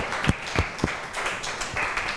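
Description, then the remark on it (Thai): A class of students in a classroom claps together for student representatives who presented on buying goods online, a steady burst of applause with a few sharper, louder claps standing out near the start, moderately loud, no one speaking. “ค่ะก็ต้องขอขอบคุณตัวแทนนักเรียนนะคะได้มานำเสนอสถานการณ์เกี่ยวกับการซื้อสินค้าผ่านโลกออนไลน์นะคะเราก็ได้มุมมองหลากหลายที่เพื่อนได้นำเสนอไปขอเสียงปรบมือให้ตัวแทนนักเรียนอีกครั้งหนึ่งค่ะ”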